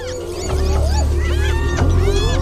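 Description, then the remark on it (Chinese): Several spotted hyenas surround and corner a lone young male lion guarding food behind the grass: a deep, continuous growling rumble runs under shrill rising whoops and squeals, loud and unbroken throughout. “斑猎狗把狮子逼到了角落里”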